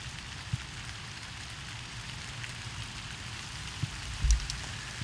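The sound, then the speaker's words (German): Steady rain hisses evenly throughout on a windy island during a pig hunt, a soft continuous wash with scattered heavier drops and a few dull low thuds near the end. No one speaks. “Und die Schweinejäger haben heute nicht mal einen Regenmantel dabei.”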